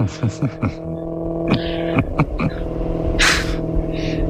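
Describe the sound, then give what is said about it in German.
A Maserati sports car engine in the background hums and rumbles steadily with a strong, tonal drone, punctuated by a few sharp clicks early on and a brief hissing burst toward the end. “Und ein Maserati im Hintergrund.”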